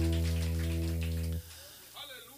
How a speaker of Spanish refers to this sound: Y la iglesia dice: un fuerte aplauso al Señor.